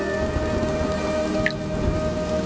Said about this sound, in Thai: กลิ่นฝนมาแล้วได้เวลาสนุกแล้ว